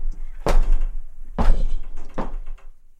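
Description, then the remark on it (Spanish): The heavy wooden door of Park Abbey opens and shuts, giving three loud, booming thuds about a second apart over a low, steady rumble. “Apenas cruzamos su puerta, el mundo baja el volumen.”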